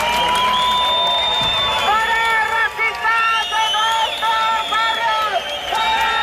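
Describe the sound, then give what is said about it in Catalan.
A crowd of anti-fascist protesters in Plaça Sant Jaume, Barcelona, shouts chants in unison, such as "no passaran" and "fora feixistes als nostres barris", at members of a supremacist group. Loud, raised voices rise and fall in short rhythmic bursts over a steady roar of many people. “Una hora més tard han arribat els membres del grup supremacista, que han estat escridassats pels antifeixistes amb crits de "no passaran" o "fora feixistes als nostres barris".”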